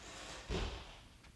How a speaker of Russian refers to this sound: Почему она захлопнула дверь?